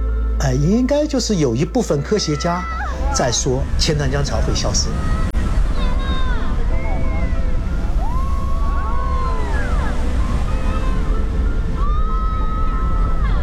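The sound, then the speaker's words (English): A tidal bore rumbles up the 2.5-kilometre-wide Qiantang River in a deep, continuous roar of rushing water, with an excited crowd shouting loudly at the start and scattered cries over the steady surge. “对，推荐指数越高，它的潮越大越高。有没有轰隆隆的声音？”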